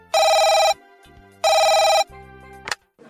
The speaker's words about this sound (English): Sister White is woken in the middle of the night by a phone call.